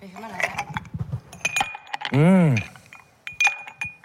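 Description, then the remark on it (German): Ice cubes clink and rattle against a glass in a series of bright taps with short ringing tones, broken midway by a brief hummed vocal sound. “Mit gerade frisch desinfizierten Händen mache ich dir einen Eiswürfel ins Gesicht. Das klingt gut, ja, Eiswürfel.”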